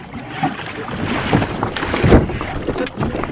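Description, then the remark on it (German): A rowing boat moving through water, with several strong oar strokes splashing at a steady rhythm amid a constant wash of water and wind, loud. “Dann, mit kräftigen Ruderschlägen, erreichten sie eine der Baumwurzeln, die sich verborgen zwischen den Anlegestegen durch das Wasser schlängelten.”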